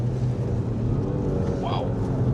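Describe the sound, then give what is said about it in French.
A three-cylinder engine of a manual-gearbox car being driven hums steadily and loudly, a dense, throaty low drone with layered harmonics and no pauses, plus a brief higher tone near the end. “Par contre, j'adore le son du 3 cylindres. Ouais, il résonne bien.”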